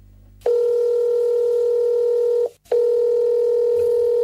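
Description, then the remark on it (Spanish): A telephone line ringing while waiting for a customer service line to answer: a loud, steady electronic tone sounds for about two seconds, breaks off briefly, then resumes. No one speaks. “Bueno, vos llamás, demora la investigación, pero evidentemente está dando resultados.”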